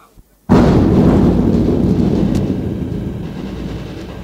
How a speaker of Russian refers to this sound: Не боишься? То-то. Ничего. Это обыкновенный пулемет.